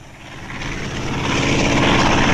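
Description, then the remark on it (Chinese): Shuke's red propeller airplane from the Chinese children's story of Shuke and Beita drones steadily, growing slightly louder over a couple of seconds as if approaching, with a constant buzzing rumble and no voices. “我飞机瞎逞能有什么了不起的？”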